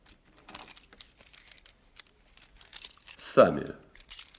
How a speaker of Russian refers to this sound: А теперь вы достанете ключи, откроете сейф.